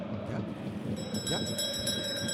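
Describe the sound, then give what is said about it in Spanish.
A bright metallic bell, rung during a football match between Cerro and Sporting Cristal, starts ringing about a second in and keeps going with a rapid, pulsing shimmer, heard over a steady background of crowd noise and voices. “Sacristán, tócame la campana, Sacristán.”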